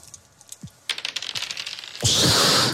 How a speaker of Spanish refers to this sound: Tiro una vez más los dados, vemos quién gana